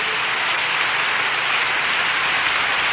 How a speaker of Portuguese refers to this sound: Então, palmas pra ele. Oi! Mais palmas.